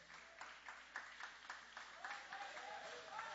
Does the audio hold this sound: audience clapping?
yes